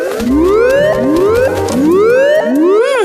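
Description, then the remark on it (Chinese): A bird mimics the octo-alert alarm siren: four loud, rising whooping sweeps repeat in a steady rhythm, each climbing in pitch before dropping back, with a low rumble underneath and no talking. “我的老天爷呀，有只鸟的声音听起来很像章鱼警报。”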